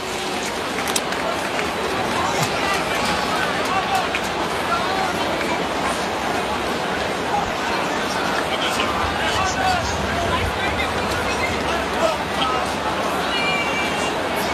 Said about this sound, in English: Kind of a subdued crowd at Fenway here tonight. They're looking ahead to next week.